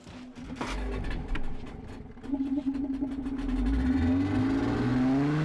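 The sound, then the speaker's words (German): A boat's motor engine drones steadily and revs up as the boat is stuck aground on a lake. Its pitch rises as it strains under load, with a few sharp knocks early on. A thunderstorm is approaching. No one speaks. “Und jetzt haben wir uns auch noch festgefahren.”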